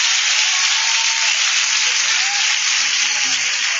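An audience applauds to exalt the Lord at a church service, a steady, dense wash of clapping that holds at an even loudness throughout, with no voices standing out.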